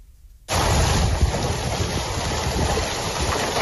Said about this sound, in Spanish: Ahora mismo se registran intensas granizadas en Castilla-La Mancha, la provincia de Albacete, donde hay aviso naranja. La estampa que se registra en Nerpio parece un paisaje invernal,